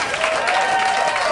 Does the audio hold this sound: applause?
yes